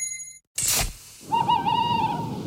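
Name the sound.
owl hooting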